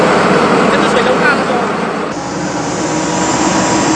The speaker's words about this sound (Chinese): 快艇行驶非常迅速，但也最怕搁浅，只能寻找水深的地方前行。